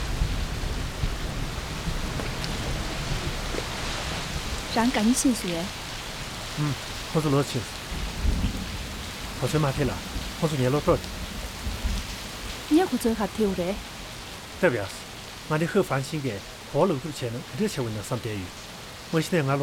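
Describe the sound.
Steady rain hisses throughout, with deep rumbles of thunder low underneath, loudest early on. People talk intermittently over the downpour, their voices clear against the constant wash.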